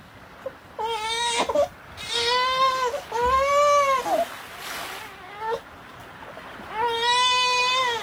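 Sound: baby crying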